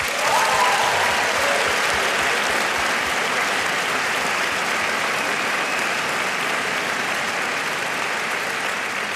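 A large audience at a concert in the Elbphilharmonie claps and applauds loudly, a dense, steady wash of hand claps that holds for several seconds and eases off only slightly toward the end, with no voices standing out.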